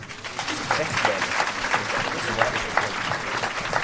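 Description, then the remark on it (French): Sustained applause from second- and final-year pupils of Stanislas in Cannes at the end of a screening of the film Juste la fin du monde, attended by director Xavier Dolan; a dense steady patter of many hands clapping for several seconds at an even, moderately loud level. “Applaudissements à la fin du film et questions pour le réalisateur par les élèves de seconde et de terminale.”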